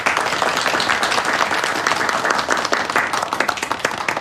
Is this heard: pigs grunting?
no